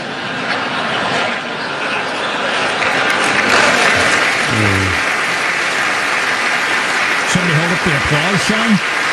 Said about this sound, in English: Applause, son. Good one.